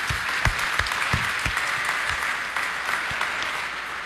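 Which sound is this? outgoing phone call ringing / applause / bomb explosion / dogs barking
applause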